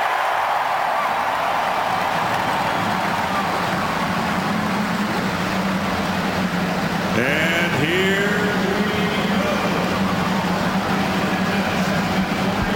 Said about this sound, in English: The cars roar to life as we get ready for the 106th running of the Indianapolis 500-mile race.